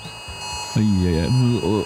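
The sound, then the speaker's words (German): A mobile phone emergency alert of the kind sent on Germany's nationwide warning day (Warntag) sounds: a loud, buzzy, harmonic-rich tone that warbles in pitch, coming in three pulsing bursts after a brief low murmur. “Heute, da werden viele im Freistaat wieder erschrecken, inklusive mir, wenn am Vormittag um 11 Uhr plötzlich ein Geräusch wie das hier aus dem Handy kommt.”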